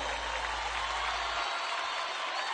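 Steady, dense applause from a large audience, a continuous hiss of many hands clapping at an even loudness throughout, with no single claps standing out.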